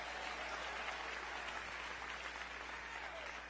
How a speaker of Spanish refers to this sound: Aleluya, dele ese aplauso al Señor.